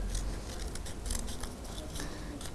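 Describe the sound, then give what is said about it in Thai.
Scissors snipping through stiff cardboard to cut out a person shape, a run of crisp, crunchy cuts in an irregular rhythm with no one speaking. “มันเป็นกระดาษแข็งนะคะกระดาษค่อนข้างมีความแข็งดังนั้นมันอาจจะกระเด็นแบบนี้ได้ค่อยๆตัดจากนั้นเมื่อเรานะคะตัดได้เป็นรูปคนแบบนี้แล้ว”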